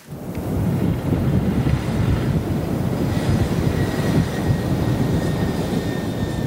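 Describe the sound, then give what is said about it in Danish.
An unmanned rocket from the German firm Isar Aerospace launching into orbit from northern Norway: a deep, steady roar rises within the first half second and holds for several seconds, a dense rumbling low-end with crackling texture and faint high whining tones, with no voices. “Her lykkedes det nemlig den tyske rumfartsvirksomhed ISAR Aerospace at sende en ubemandet raket ud i rummet og i kredsløb om jorden.”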